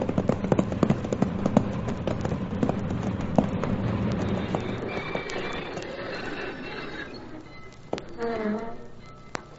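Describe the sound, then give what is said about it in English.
Horse hooves clip-clop in a brisk, uneven run of knocks over a low rumble, gradually thinning out, before a short wavering tonal call rises near the end. “All right, Cherokee, down off that horse and let's go.”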